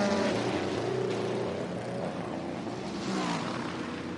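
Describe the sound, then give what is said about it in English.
A Cadillac race car engine roars loudly and steadily as it pulls away from a pit stop, a dense, throaty drone with rising pitch that holds for the whole stretch, no voices over it. “And off and away, the Cadillac roars.”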